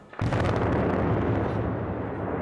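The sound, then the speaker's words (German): A heavy demolition blast erupts suddenly and then rolls on as a loud, deep, sustained rumble that barely fades over a couple of seconds, with no voices; the third blast in demolishing the power plant in Förde, bringing down the old boiler house of Block B and two outbuildings. “Heute folgte dann die dritte Sprengung und es wird nicht die letzte gewesen sein.”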